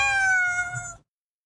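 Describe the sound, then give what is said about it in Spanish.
A single drawn-out cat meow, clear and fairly loud, with a steady tonal whine lasting about a second before cutting off into silence. “La relación con tu gato es inexplicable.”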